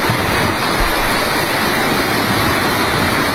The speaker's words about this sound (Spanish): Fuertes rachas de viento, agua e incluso también granizo